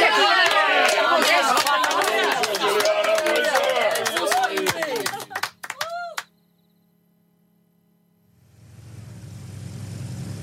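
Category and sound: crowd, standing ovation applause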